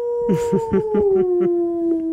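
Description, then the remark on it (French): A human voice imitates a wolf howl to call wolves, from a fishing boat at the edge of a lake: one long, steady, wavering tone that slowly sinks in pitch, with a person speaking briefly over its first half. “Et puis mon ami, il appelle les loups. Aouh ! Comme ça.”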